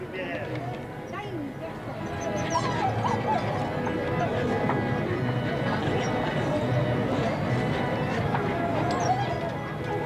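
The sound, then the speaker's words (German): Several performing theater show dogs bark and yip repeatedly after their last show of the day, their sharp calls mixing with a steady wash of indistinct voices and bustling background noise in a crowded setting. “Die Hundeln haben ihre Arbeit getan.”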